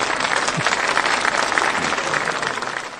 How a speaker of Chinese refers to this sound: 祝贺大家一堂课所取得的这个成就啊、嗯！希望你们巩固下来。嗯， 我们为自己鼓鼓掌吧，好不 好？